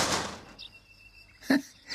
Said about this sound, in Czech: Takhle práskat dveřmi, to je paráda.